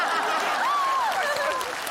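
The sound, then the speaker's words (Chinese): Steady, dense clapping from a group fills two seconds at an even level, with a faint rising and falling voice-like tone drifting through it. “行，我给你们鼓掌了，鼓掌。”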